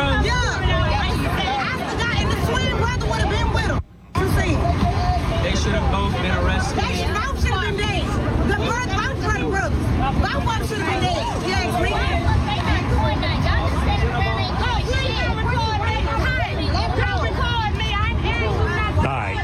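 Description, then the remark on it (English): A crowd yells and shouts over one another in a loud, continuous din of overlapping voices, broken only by a brief cutout about four seconds in. “You can't tell. There's too much yelling.”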